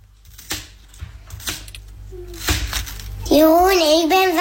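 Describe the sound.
A knife cuts into a watermelon with several crisp cracking crunches spaced about half a second apart, followed by a child's voice talking loudly at the end.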